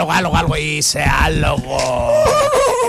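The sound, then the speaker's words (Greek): A person running in the corridors imitates a horse's whinny, a loud, wavering vocal cry that rises and falls in pitch for a few seconds without breaking into words. “Τρέχει στους διαδρόμους, κάνει το άλογο.”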